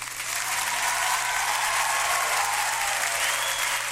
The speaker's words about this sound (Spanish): Un aplauso, amigo mío, para Cristian Orellana Transporte, que se ha portado un 7.